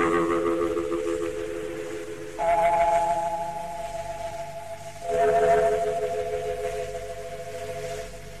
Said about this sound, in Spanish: Atención a los radioescuchas que enlacen en directo vía satélite con Radio América. Al toque de gong, sírvase conectar.